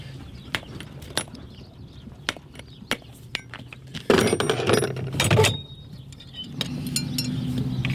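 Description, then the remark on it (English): A farrier pulls the shoes off a horse's hooves: scattered sharp metallic clinks and taps, then a loud, harsh scraping and wrenching burst of a few seconds as the shoes are pried off, over a low steady hum. No one speaks. “With the shoes off, now time to reshoe.”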